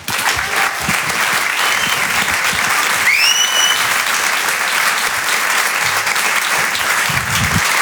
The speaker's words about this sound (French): Applaudissez-vous, vous êtes magnifique. Vraiment, applaudissez-vous.